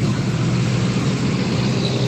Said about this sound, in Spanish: A esta hora ya se ve harto tráfico, ya está empezando a circular harto vehículos.